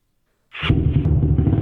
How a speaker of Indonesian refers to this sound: ini suara motor yang kekinian